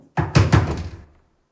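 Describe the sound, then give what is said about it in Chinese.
Three loud, hollow knocks on a wooden door in quick succession, with a short resonant decay after the last one and no voices. “我知道你在里面，出大事了，快开门！”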